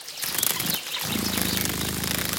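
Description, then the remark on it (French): A dragonfly's wings buzz as a steady, low, fluttering hum that starts after a second of soft rustling noise and holds at an even, moderate loudness beside a pond. “C'est la libellule. Elle adore les eaux calmes et stagnantes.”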